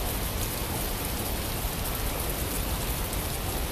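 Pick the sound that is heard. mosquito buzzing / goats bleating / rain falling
rain falling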